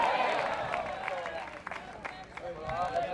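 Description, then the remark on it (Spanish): A crowd claps together in steady, dense applause to Christ during a sermon, with scattered sharp hand claps standing out over a continuous wash of noise and faint voices mixed in. “Dele fuerte ese aplauso a Cristo de la gloria.”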